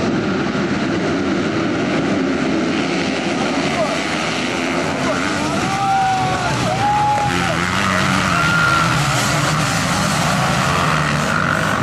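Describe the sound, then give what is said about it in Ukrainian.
Motocross bikes race around a track, engines buzzing and revving in rising and falling whines as riders pass, a loud continuous roar with faint voices mixed in underneath. “Не обійшлося цього разу без прикрого інциденту, адже складні маневри на шаленій швидкості – це не лише джерело адреналіну, але й великі ризики для спортсменів.”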